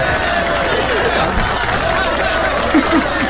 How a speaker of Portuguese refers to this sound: Palmas aqui para Raquel.